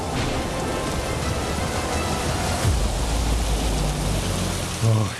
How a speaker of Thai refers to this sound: เด็กๆรีบเข้าบ้านเร็วเข้าพายุจะมาแล้วเข้ามาหลบในบ้านกันก่อนเร็ว เมอันตรายรีบหนี พายุฝนมาแล้วลูกไปไปรีบไปหลบที่บ้านเรากันก่อน